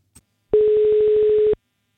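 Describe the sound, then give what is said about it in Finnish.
A single steady telephone tone, about one second long, hums clearly at a constant pitch, preceded by a faint brief click, as Radio 957 calls a contest winner of memorial concert tickets. No one speaks. “Soitetaan nyt voittajalle, joka saa … muistokonserttiin liput.”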